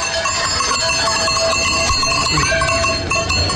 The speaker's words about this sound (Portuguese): Rio Caldo, trazemos as vacas para levar para a serra, deve estar aí à volta de 60, 70. E é a tradição antiga, nós passar, trazer o gado agora para a serra